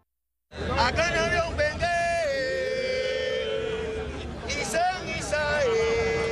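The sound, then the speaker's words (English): A Cuban percussionist chants in long, held tones to a live crowd in Africa, in the crowd's own language, over the steady murmur and chatter of the crowd, fairly loud throughout. “Cuban percussionist … chanting to a crowd in Africa that understands the words he's saying because he's saying them in their language.”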